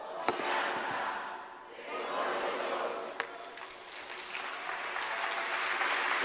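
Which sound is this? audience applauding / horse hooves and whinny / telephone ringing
audience applauding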